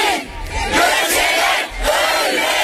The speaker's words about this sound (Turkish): Yürüyüşe yoğun katılım gösteren kalabalık, ellerindeki pankartlarla Gökçe için adalet çağrısında bulundu. Yürüyüş sırasında Gökçeler ölmesin ve kadına kalkan eller kırılsın sloganları attı.